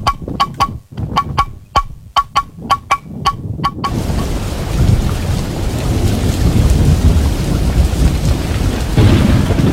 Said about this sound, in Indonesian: Seberapa hari ini hujan deras terus nih. Takut ada banjir, bencana.